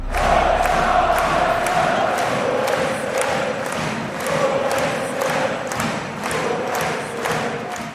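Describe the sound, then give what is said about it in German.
A large crowd in Magdeburg's Getek Arena roars and cheers in the evening as the SCM wins the German handball championship with a 31:30 win over Flensburg-Handewitt, a steady wash of voices with rhythmic thumping claps or drumbeats punctuating the celebration throughout. “Ja, ausgelassene Jubel- und Partystimmung am Abend in der Magdeburger Getek Arena.”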